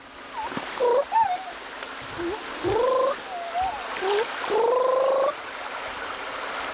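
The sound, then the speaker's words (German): A raccoon on an outing to the water chitters and trills in a series of short, squeaky, rising calls, over a faint low watery rush in the background. “Ein wasserscheuer Waschbär etwa? Wohl kaum.”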